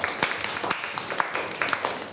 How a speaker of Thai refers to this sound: ขอเสียงปรบมือให้ตัวเองหน่อย